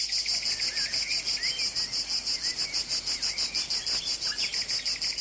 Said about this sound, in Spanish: vamos a escuchar el sonido de la cigarra